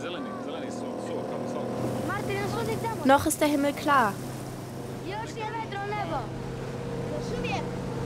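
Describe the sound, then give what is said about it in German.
The engine of a motorboat carrying many children drones steadily throughout, a constant low hum running beneath a man's voice speaking. “Es sind viele Kinder im Boot.”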